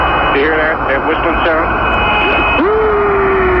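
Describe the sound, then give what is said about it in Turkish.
Eerie radio whistling over a steady hiss of static, with wavering tones that swoop and bend, then a long rising whistle that levels off into a sustained high note, recorded by the Apollo 10 astronauts on the far side of the Moon more than 40 years ago. “Ayın karanlık yüzünden gelen sesler, bakalım nasıl seslermiş.”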